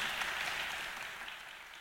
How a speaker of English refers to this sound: Let's give them another big round of applause.